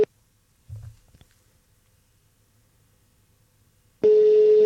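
A brief beep and a few soft handling clicks, then quiet line hiss before a loud, steady telephone ringing tone starts and continues unanswered to the end. No one speaks.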